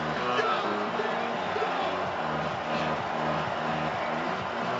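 A stadium crowd at a football game between the Stampeders and the Rough Riders, in overtime, roars to bother the Rough Riders in a steady, dense wash of voices that holds at an even, loud level for the whole stretch, with no single voice standing out.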